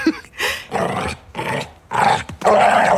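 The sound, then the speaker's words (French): A pitbull growls and barks loudly, four or five rough, snarling bursts in quick succession with short gaps between them, and no talking, as it bounds and runs behind a door at six in the morning. “Le chien qui bondit en aboyant.”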